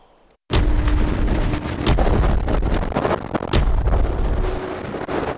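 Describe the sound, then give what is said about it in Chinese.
A wind tunnel in the wind tunnel laboratory of Beijing Jiaotong University bursts into a loud roar of rushing air after a brief quiet moment, then keeps blasting steadily with gusty surges and buffeting at force 5 wind. It simulates gusts hitting someone holding an umbrella in the rain. No one speaks. “记者近日走进北京交通大学风洞实验室，用模拟实验揭开其中的安全隐患。”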